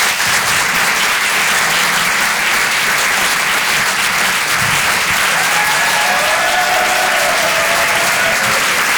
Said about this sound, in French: Applaudissez-le bien fort, les amis, du bruit pour lui.